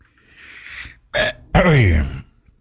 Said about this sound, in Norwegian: Nå fikk jeg meg en sånn lite hostegreie.